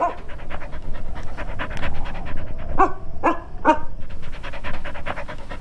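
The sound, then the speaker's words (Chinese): A patrol unit's dog pants rapidly and steadily, its breaths forming a quick rhythmic huffing, broken midway by three short whiny yelps before the panting carries on. “在，这是巡逻队的狗，我喂它吃过东西。”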